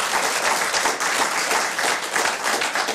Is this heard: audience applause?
yes